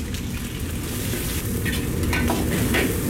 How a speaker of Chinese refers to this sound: 首先我们把锅烧热，锅烧热之后加入猪油50克，油温4成热之后加入准备好的独蒜下锅，开小火炸5分钟，把独蒜炸香。5分钟之后将肚条下锅煎炒1分钟